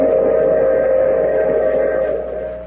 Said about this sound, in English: I take this same train every week at the same time.